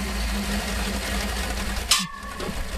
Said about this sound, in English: speaking there about his V8 engine chainsaw, and it was loud. I don't think that little grab kind of tells you how I had to have earplugs on